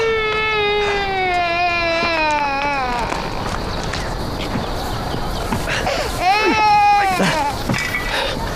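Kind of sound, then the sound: human body sound, baby crying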